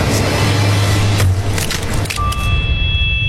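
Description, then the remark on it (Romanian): A wooden door is smashed open with loud splintering crashes, a few heavy impacts bursting through a dense wash of noise, with a faint ringing tone lingering at the end. “Pul, am spart ușa prea târziu”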